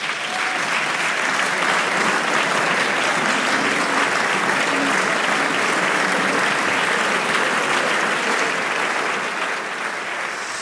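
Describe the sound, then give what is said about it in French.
Sustained applause in France's Assemblée nationale after deputies adopted a bill by 291 votes to 241 fills the whole clip, a dense, steady crackle of many hands clapping at an even loudness, with a faint murmur of voices beneath. “Et vous entendez donc ces applaudissements.”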